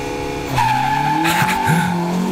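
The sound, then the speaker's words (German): A rallycross car roars off the line at a race start, engine surging loudly at about half a second with rising harmonic whine and brief tyre squeal, the revving engine sustained loud throughout. “So ungefähr klingt ein Rallycross-Auto am Start.”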